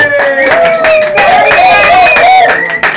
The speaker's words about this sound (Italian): La voce che se, le voci che sentite, l'applauso, è il meraviglioso pubblico dell'Hub 52. Stiamo registrando nel cuore della città di Ancona.